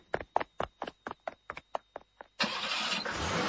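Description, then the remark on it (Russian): A car engine cranks with a rapid, even series of about a dozen starter chugs, then catches and roars into a steady, loud running rumble as the car pulls away from a circus, with no voices. “Когда машина тронулась, мама Кати возбужденно заговорила.”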